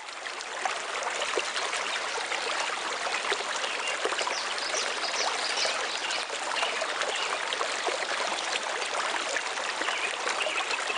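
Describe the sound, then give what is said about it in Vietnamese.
A steady, continuous rush of water in the Tà Má mountain stream, Vĩnh Thịnh commune, Gia Lai province, flowing and splashing over rocks, fairly loud, with an even, unbroken texture throughout and no voices. “Còn thưa quý vị, trong những năm gần đây thì mùa hoa trang rừng ở suối Tà Má, xã Vĩnh Thịnh, tỉnh Gia Lai đã trở thành một trong những sản phẩm du lịch độc đáo hấp dẫn du khách.”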